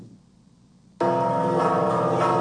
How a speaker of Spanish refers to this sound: Así se escuchó en punto de las 3 de la tarde del sábado pasado el repique de las campanas de la parroquia de Santa Prisca y San Sebastián en Taxco por los desaparecidos en México y como un llamado para construir la paz.